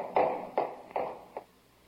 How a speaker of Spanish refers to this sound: Sí, espera, voy a echar la llave.